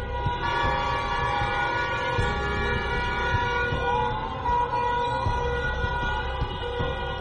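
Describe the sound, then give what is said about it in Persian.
Many car horns blare at once in a loud, unbroken chorus of overlapping tones, with busy street noise rumbling underneath and no voices; people in the streets honk their car horns in protest at the killing of Mahsa Amini. “برخی از مردم در خیابان‌ها صدای بوق خودروهایشان را به نشانه اعتراض به قتل مهسا امینی به صدا درآوردند.”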